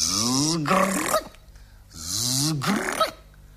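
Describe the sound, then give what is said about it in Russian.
A voice imitates a fish, caught in a net and pulled onto a sandy shore, puffing itself up with fins raised and creaking its gill covers to scare fishermen: two drawn-out, rasping, growl-like creaks, each rising in pitch and ending in a harsh burst, separated by a short pause. “Только хотели ее схватить, а она шаром раздулась, плавники встопорщила, да жаберными крышками как заскрипит.”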